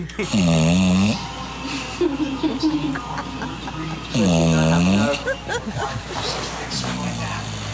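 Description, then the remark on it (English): A sleeping 10-year-old dog snores loudly twice, each long, rumbling breath a few seconds apart, with quieter voices and room noise filling the gaps between snores. “yet it doesn't wake up. Yeah, the dog is completely unbothered.”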